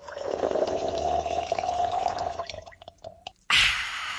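Liquid swirls and pours steadily into a glass as a non-alcoholic Litchi Breeze drink is mixed and stirred, with a few small clinks and drips, then a sudden bright, fizzy rush near the end. No one speaks.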